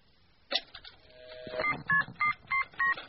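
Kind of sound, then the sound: signal or alarm, telephone keypad dialing tones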